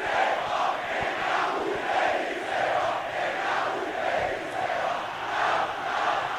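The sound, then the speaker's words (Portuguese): A large crowd of Náutico football fans celebrates a win in a stadium during a Brazilian Championship Série B match, a dense, steady roar of voices chanting and singing together, swelling and falling in a loose rhythm with no single voice standing out. “A festa da torcida do Náutico continua.”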